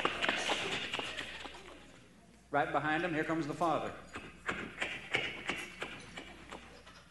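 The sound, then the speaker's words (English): Quick, rhythmic thumping footfalls patter along as two boys run back into a house on a farm, broken briefly by a man's voice before the hurried steps resume and fade out. “And then they run back into the house, you know.”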